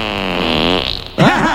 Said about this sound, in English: I'm gonna leave a fart trapped in here.